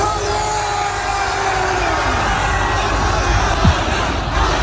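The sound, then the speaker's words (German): A dense crowd of fans cheers and shouts continuously at a steady, loud level in Berlin, celebrating a star who landed there on Friday evening, with overlapping voices and a few higher whoops rising above the roar. “Er ist Freitagabend in Berlin gelandet und seine Fans haben ihn frenetisch gefeiert.”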